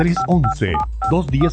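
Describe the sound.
A rapid string of about five telephone keypad dialing beeps, short evenly spaced tones, sounding loud while a voice carries on underneath them.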